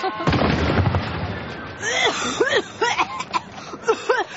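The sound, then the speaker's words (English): A single loud tank cannon blast booms, its rumbling burst fading over about a second, followed by a string of short, pitched vocal yelps. “Aw, and the cannon even swivels. Pointing this way. It probably fires off rose petals.”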